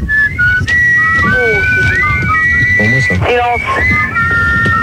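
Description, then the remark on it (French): A record plays the whistled march from The Bridge on the River Kwai (Le pont de la rivière Kouaï): a loud, bright melody of sustained and gliding notes, carried over a busy, rumbling low backing throughout. “Bah, on met un disque.”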